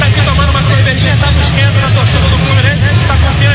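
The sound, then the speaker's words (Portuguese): Fluminense football fans outside the stadium before kickoff sing together in wavering chant over a steady, booming drum beat, the whole mass of voices and percussion loud and continuous throughout. “Dá pra ouvir aí o batuque rolando, a galera cantando.”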